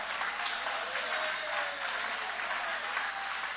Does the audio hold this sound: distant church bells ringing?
no